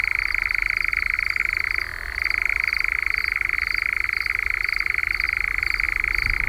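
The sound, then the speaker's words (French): A European nightjar churring at dusk: a steady, rapid mechanical trill that runs unbroken for several seconds, briefly dipping in pitch before resuming at full strength, with no voices. “Mais c'est quand même un oiseau qui sort au crépuscule et qu'on entend chanter et se manifester de différentes façons.”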